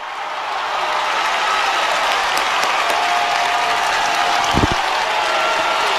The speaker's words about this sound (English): Kekana, the crowd erupts here at Neuroscience Group Field.